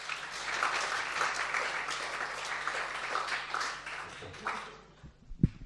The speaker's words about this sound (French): Très bien, merci, applaudissements.